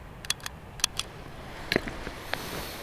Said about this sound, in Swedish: Det här är en sån här handräknare. Och det är ju att när man ska samla 10 000 frön, då gäller det att hålla ordning. Hur många individer har jag samlat från? Så klickar man med den här.